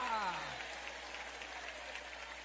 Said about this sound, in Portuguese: Quem crê que Deus existe, levante a mão e aplaude o nome dEle. Isto, glorifica, o nosso Deus vive, o nosso Deus reina.